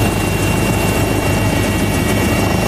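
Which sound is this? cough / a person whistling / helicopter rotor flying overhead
helicopter rotor flying overhead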